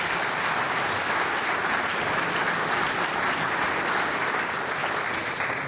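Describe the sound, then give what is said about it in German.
Steady, dense applause from an audience fills the whole stretch, many hands clapping at once at a constant, fairly loud level with no talking over it. “Danke Helmut, deinen Applaus.”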